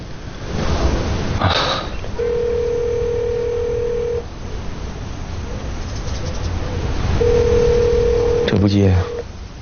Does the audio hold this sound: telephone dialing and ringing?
yes